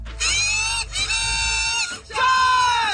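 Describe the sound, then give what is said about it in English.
Loud, nasal buzzing of kazoos played by the Kazoo Crew, a group of women fans in Section 11 of the stands at a PWHL hockey game in Ottawa, three sustained honking blasts separated by short breaks, over a low arena rumble. “That's the original Kazoo Crew,”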